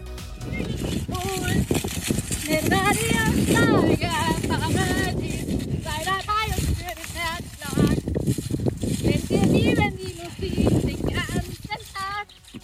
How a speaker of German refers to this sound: Sie ist beim Singen gleichzeitig auf dem Pferd galoppiert und das gefühlt bei Windstärke 10 hat dann so geklungen.